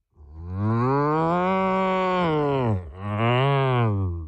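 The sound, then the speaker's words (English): A person imitates a cow in a contest for the best cow sound, with a long, loud, drawn-out moo, breaking briefly before a second moo rises and falls, with no other sounds. “let me hear your best moo.”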